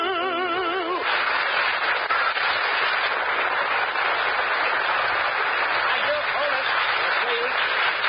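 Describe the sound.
After a short wavering tone at the start, a steady, dense burst of audience applause fills the rest, with scattered voices or whistles rising briefly through the clapping.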